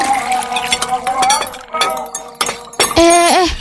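Ice cubes clink and rattle against a glass of iced tea being drunk after a meal, in a quick, irregular series of bright, ringing taps, fairly loud, with a brief vocal sound near the end.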